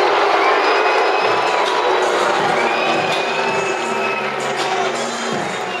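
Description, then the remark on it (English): A large baseball stadium crowd jeers loudly and steadily at an umpire's close check-swing call on a full count, a dense roar of many voices that keeps up for several seconds, with a few shrill calls rising above it. “And the crowd's going to let him hear it.”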